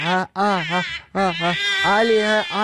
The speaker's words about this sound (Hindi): वो बच्चा बहुत ज्यादा रो रहा है।